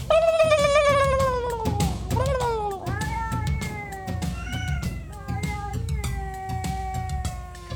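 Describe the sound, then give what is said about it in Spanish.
Loud, drawn-out cat meows that waver and slide in pitch, repeating almost without pause over a steady thumping rhythm in the background. “Mándame el gato, el pavo y el Chucky.”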